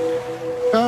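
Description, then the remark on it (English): A wet swishing sound of a dog, Biscuit, licking a person's ear in bed, resembling gentle surf washing in, with a brighter, louder wash near the end and no talking. “Nope, that's a dog licking your ear.”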